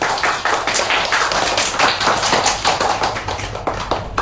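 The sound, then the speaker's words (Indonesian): Steady applause from a group of people clapping their hands after a short poem about a tomato is recited, a dense rapid patter of overlapping claps that stays fairly loud throughout with no voices. “Yuk tepuk tangan dulu yuk.”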